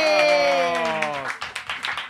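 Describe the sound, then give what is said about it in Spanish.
A small crowd breaks into brisk applause with rapid overlapping claps, starting beneath a loud sustained shout from a voice that trails off. “Un aplauso”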